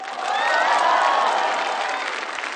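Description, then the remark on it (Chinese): A crowd applauds the Morin Khuur (horsehead fiddle) orchestra of the Inner Mongolia University College of Arts, a dense wash of clapping with some cheering voices mixed in, holding at a fairly even, loud level throughout with no speech over it. “掌声送给内蒙古大学艺术学院马头琴乐团。”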